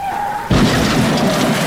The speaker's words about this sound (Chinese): 哎呦，你有受伤吗？ 大头痛痛，干嘛用机车撞人家？是不会专心看路哦。 不好意思啦，我下雨天骑车骑太快，没有注意到你呢。